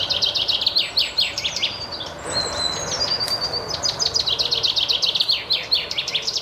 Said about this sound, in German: Besonders im Blick stehen dieses Mal die Finken. Doch wie klingen eigentlich Finken?